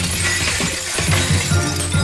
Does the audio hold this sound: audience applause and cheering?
no